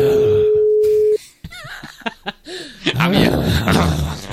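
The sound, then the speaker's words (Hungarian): A single steady ringback tone sounds for about a second on a phone line as the call goes unanswered, then cuts off abruptly. Lively voices and what sounds like laughter follow. “Jó, egyelőre ő nem vette föl, jöhet a következő telefonszám.”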